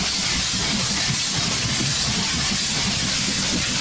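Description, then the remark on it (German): A train rolls along the rails with a steady, loud rush of hissing noise over a low rumbling clatter, continuous throughout with no voices. “Wir fahren mit der Eisenbahn.”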